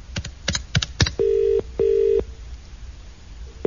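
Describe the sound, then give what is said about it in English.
A handful of quick keypad clicks as a number is dialed to call BT at 11 p.m., followed by a steady double burst of a telephone ringing tone on the line, with no voices. “I reckon I could fairly call BT at 11 p.m. on a school night and tell them the news about my special offers.”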